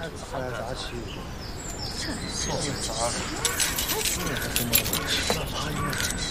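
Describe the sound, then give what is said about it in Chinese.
Keys jangle in a few bright, irregular metallic clinks toward the middle and end as they are handed over to a newly arrived colleague, over a steady room hum with indistinct voices murmuring underneath. “把钥匙给新来的同志。”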